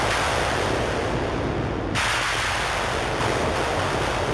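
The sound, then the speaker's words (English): Synthesized thunder sounds opening a synthesizer piece based on the Indian raga Meghmahar: a steady, loud, broad roaring rumble like a storm, growing brighter and hissier about halfway through, with no voices. “And so this one, you know, starts with these sort of synthesized thunder sounds, and it's a callback.”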